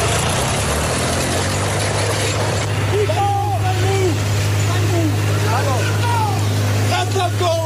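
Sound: tractor engine running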